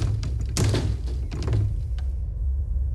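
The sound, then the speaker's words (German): Someone rattles and tugs at a locked door that won't open, the only closed door among open ones, producing a few sharp clunks and rattles with short pauses between attempts and a low hum underneath. “Warte mal, die Tür da ist zu. Alle anderen Türen sind offen.”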